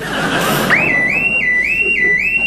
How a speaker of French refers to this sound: Merde. Merde, l'alarme. Il y a quelqu'un. Ça, c'est sûr, il y a quelqu'un.